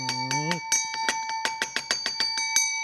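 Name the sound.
doorbell ringing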